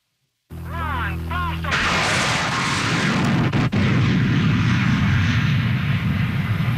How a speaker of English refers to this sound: The sound of a rocket-powered car trying to jump the St. Lawrence River. It was the most ambitious stunt ever attempted by the daredevil Ken Carter, a.k.a. the Mad Canadian.